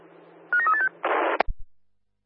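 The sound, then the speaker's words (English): A quick run of four or five short electronic dialing beeps from a mobile phone calling CSA Elizabeth Key, then a brief burst of static-like hiss ending in a sharp click and low thumps. No one speaks. “Yeah, CSA Elizabeth Key, I'm having a trouble dialing you from the mobile phone.”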